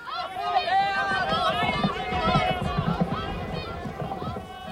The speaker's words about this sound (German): Als er den Platz betrat, näherte sich das erste Rennen gerade dem Höhepunkt und er hörte die Rufe der Zuschauer.